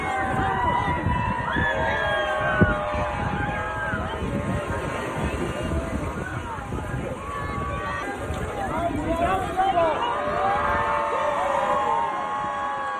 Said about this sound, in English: An endangered sea turtle named Pancake was released at Coney Island after rehabilitation for hypothermia. Kids and onlookers cheered as Pancake entered the water with a satellite tracker attached for monitoring.